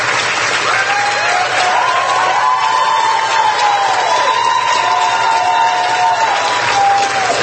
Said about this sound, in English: Now, these are college Democrats that are cheering this insanity on.